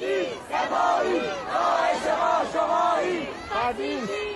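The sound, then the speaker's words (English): A protest crowd shouts and chants together outdoors at about 6:30 p.m. in Fardis, a small city on the outskirts of Tehran, Iran, many voices rising and falling in loud overlapping waves of yelling that continue throughout without a break. “At 6:30 p.m., a crowd was just starting to form in Fardis, a small city on the outskirts of Tehran.”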